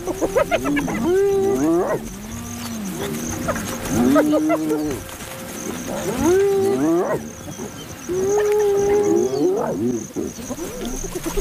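Spotted hyenas call noisily while feeding together at a shared meal, in a loud chorus of overlapping whoops, whines and rising-falling cries, coming in repeated bursts with no speech.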